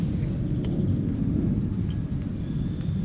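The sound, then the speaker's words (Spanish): A voice imitates a pig with a hoarse, breathless rumble, a steady, loud, low snorting noise that lasts about three seconds without clear voiced grunts or speech. “No, este cerdo está muy bien. Es el cerdo afónico.”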